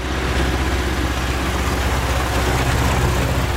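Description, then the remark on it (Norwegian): A tractor engine rumbles in Gudme on Sydfyn, where it sounds like this mostly in summer: a loud, steady low-pitched drone with a chugging throb that holds constant throughout, with no voices. “Der kom så en traktor.”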